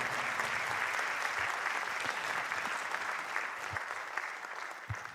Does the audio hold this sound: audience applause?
yes